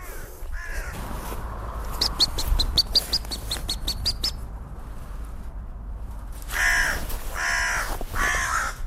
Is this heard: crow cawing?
yes